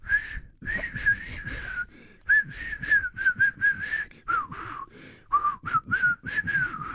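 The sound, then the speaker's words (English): A person tries to whistle a simple tune, the notes breathy and wavering in pitch, broken by short pauses and airy breaths between phrases. “I think they've been extended because I can't whistle anymore.”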